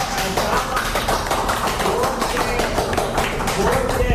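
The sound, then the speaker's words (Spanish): An audience in their sacred temple applauds together for joy, a dense, steady patter of many hands clapping at full volume for several seconds, with some voices mixed in beneath the clapping. “Aplaudamos todos de alegría y de felicidad.”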